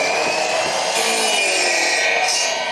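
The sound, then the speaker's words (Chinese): Steady, continuous sawing of soft rattan cane to the desired length for a chair seat, a bright rasping buzz with a constant level and no pauses, heard on its own without any voices. “选好之后锯成我们想要的长短，放到锅炉里面去蒸，蒸软之后就可以造型了。”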